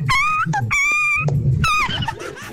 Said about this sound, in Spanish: Oye, pero pisaron ese perro, le pisaron la cola, ¿o qué le hicieron al perrito?